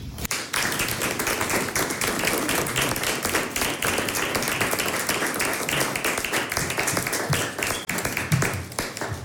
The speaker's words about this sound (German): Sie hat vor kurzem in der Villa Boveri in Baden ein Konzert gegeben. Und das hat sie für uns mitgeschnitten. Da ist ein Ausschnitt. Applaus.